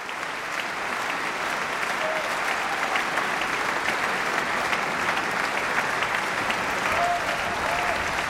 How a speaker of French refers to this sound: C'est tout l'orchestre que Bartók met à l'épreuve et que nous pouvons applaudir ce soir. L'orchestre de la Suisse romande qui est vivement applaudi.